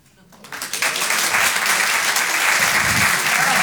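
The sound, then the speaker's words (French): A stand-up comedy audience applauds in answer to being asked who drinks alcohol; the applause swells quickly from a quiet start into loud, sustained clapping from many hands, a dense continuous patter that holds steady to the end. “Par applaudissement, il y a des gens qui boivent de l'alcool?”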